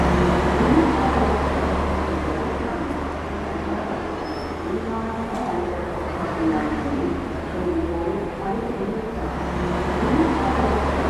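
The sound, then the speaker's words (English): A bus engine rumbles steadily at a bus stop amid busy street traffic, with faint, indistinct voices murmuring in the background throughout. “And it says the destination at the front of the bus.”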